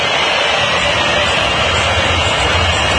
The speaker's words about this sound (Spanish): En el momento escuchen la silbatina del público.